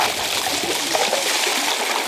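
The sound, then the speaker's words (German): Crushed ice pours steadily into cold water in a mobile tub used to cool heatstroke patients, a continuous rush of splashing, trickling and gurgling with no pauses and no voices. “Gecrashtes Eis in kaltes Wasser.”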